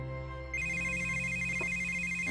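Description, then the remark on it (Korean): A steady electronic phone tone after a disconnected call switches on after a brief moment and holds unbroken and clear, with no voices over it. “지금 거신 전화는 연결이 끊겼습니다.”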